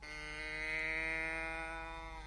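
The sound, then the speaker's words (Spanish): A single long, steady cow moo fills the whole moment, loud, with a rich droning tone and no other sounds or voices around it, as the cow is given straw. “Paja para ti, vaquita.”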